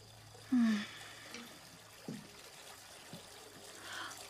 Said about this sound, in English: Oh my God! The water! Oh, goodness! I was running a bath before you walked in.